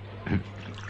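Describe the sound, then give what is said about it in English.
A quick splash of pest killer poured from a bottle onto a desk to drown an ant, one short wet burst over a steady low background hum, with no talking. “Well, yes, that seems to have drowned it quite effectively.”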